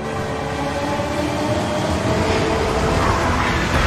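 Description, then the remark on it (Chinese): A Fuxing high-speed train rushes along the rails of the Beijing–Zhangjiakou high-speed railway in China with a loud, steady roar and dense rumble, holding constant for the whole stretch without any voices. “在京张高铁上奔腾的复兴号动车组安装有中国自主研发的北斗卫星导航系统，列车得以平稳准时地穿越高寒、风沙、山体等复杂地质，在世界上首次实现了时速350公里的自动驾驶”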